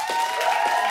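A show audience applauds and cheers to vote for a contest winner, in a dense, steady burst, the clapping and shouting blending into a loud wash of noise with a thin whistle-like tone running through it.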